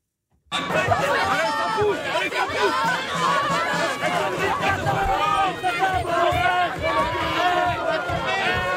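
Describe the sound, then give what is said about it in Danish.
A large street demonstration crowd in France roars continuously, with many overlapping voices shouting and chattering at a steady loud level from start to finish after a brief silent opening. “Det her, det er lyden fra Frankrig. Store demonstrationer.”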